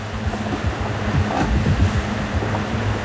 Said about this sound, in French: Oui, c'est parce qu'il y a eu quelques grosses vagues. Et le pilote, il a un peu du mal à tenir, donc c'est pour essayer de prendre le bateau un peu plus stable. Elle nous court après, les vagues.